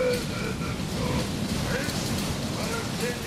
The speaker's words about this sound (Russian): Она навлекла на нас бурю! Когда настала третья ночь с начала бури, а она не прекращалась, а все росла, они почувствовали, что корабль дал трещину.